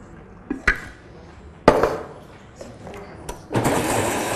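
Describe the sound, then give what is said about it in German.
A few sharp clunks and knocks of a container being handled, then a steady rushing splash as the remaining water is poured into a blender jug already holding blended pepper pieces, fairly loud. “So, dann das restliche Wasser dazu.”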